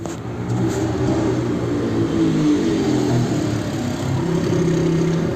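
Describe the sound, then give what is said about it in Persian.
A motorcycle engine drones steadily with a low, buzzing hum that swells slightly as it approaches people waiting for a car service, running continuously with no voices. “فردای اون روز منتظر آژانس بودیم که ناگهان یه موتوری به ما نزدیک شد.”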